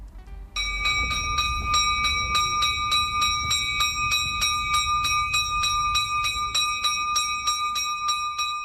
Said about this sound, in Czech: Udara zvono na crkvi Svete Nedelje pod Prizrenskom, pod Kaljajom. Poziva na liturgiju.